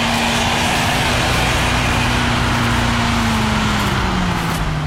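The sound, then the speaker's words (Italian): A snow blower (snow-clearing milling machine) on the Passo della Novena runs its engine loud, a steady heavy drone with a humming tone that sags slightly in pitch toward the end, over a constant roar of churning noise. “Io sono Igor Comisetti, sono operatore di macchine fresa neve per il passo della Novena.”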